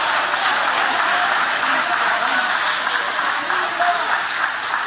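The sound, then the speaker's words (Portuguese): A church audience applauds steadily, a dense wash of many hands clapping at an even loudness throughout, with a few faint voices mixed into the noise. “Levante a mão então e aplaude, porque quem sai do cativeiro vive uma reconstrução, vive o novo.”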